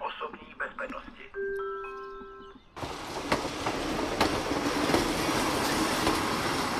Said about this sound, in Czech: Na nádraží v Pacově, jehož historická budova září sytě oranžovou barvou, právě přijíždí vlak.